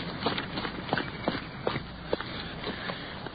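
Quick footsteps thud in a steady, hurried rhythm as a police sergeant, out of his stopped car, hurries around to a building's front door: about seven or eight firm steps over a constant hiss of background noise, with no voices.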